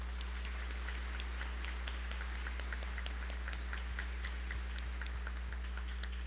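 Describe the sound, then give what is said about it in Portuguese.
An audience applauds for all mothers, a steady stream of many overlapping hand claps that keeps an even level for several seconds, with a low steady hum underneath and no voices. “Uma bela salva de palmas.”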